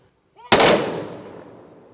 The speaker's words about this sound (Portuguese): Do som dos trompetes... a salva de tiros.